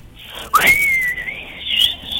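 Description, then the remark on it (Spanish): A loud gust of wind howls with a high, whistling tone that rises and falls over a couple of seconds, a breathy rush of air underneath. “De pronto aparece mucho viento.”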